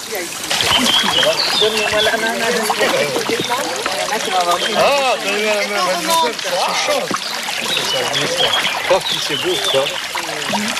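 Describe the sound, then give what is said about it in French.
Water splashes and trickles steadily as people wade through a narrow, shallow stretch of the Vers stream (ruisseau de Vers), walking over old masonry, with several voices talking and calling the whole time. “Voilà, donc vous êtes arrivé sur un étroitesse du ruisseau de Vers.”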